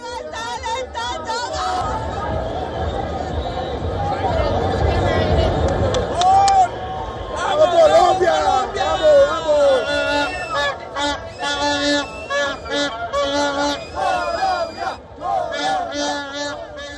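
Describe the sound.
Colombian football fans celebrate outside the stadium after the final whistle of their team's victory, in a loud, continuous crowd roar with cheering, shouts and whoops, rising into bursts of excited yelling and chanting voices throughout.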